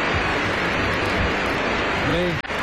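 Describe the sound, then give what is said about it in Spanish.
A crowd applauds in a dense, steady wash of clapping that stays loud throughout, with a brief voice rising near the end before the sound drops out abruptly. “Otro aplauso”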